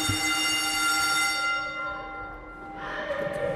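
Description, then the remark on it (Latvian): A school bell rings steadily at a school housed in a former manor house, with a bright, sustained metallic tone, fading slightly midway before ringing out again more strongly near the end; no one speaks. “šis zvans atgādina, ka mēs esam skola.”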